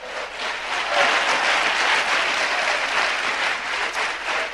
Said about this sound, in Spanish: Yo sé que hay un pueblo de Dios espiritual en esta noche que recibe la palabra de Dios. Aleluya. Indíquelo con un fuerte aplauso a Cristo esta tarde.